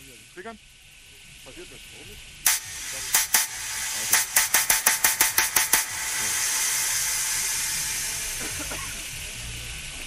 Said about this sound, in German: Ich mache jetzt erstmal die Hi-Hat.